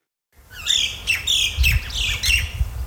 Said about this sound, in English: The sound of native birds as they fly over fields as far as the eye can see. These were once Australia's largest gold fields.